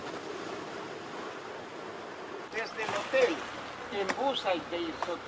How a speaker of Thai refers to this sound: เกลียวคลื่นอันทรงพลังคือบททดสอบที่ยิ่งใหญ่ไม่ว่าคลื่นจะสูงรุนแรงแค่ไหนชะตากรรมของปูแซลลี่ไลฟ์ฟุตก็ต้องยืนหยัดเพื่อเอาชีวิตรอดให้ได้